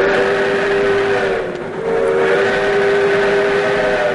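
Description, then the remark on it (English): A steam train whistle from a restored steam engine blows loud and sustained with rich layered tones, dipping briefly partway through before sounding again, over a low rumbling engine noise, in a redwood forest. “Hop aboard the Skunk Train's restored steam engine experience.”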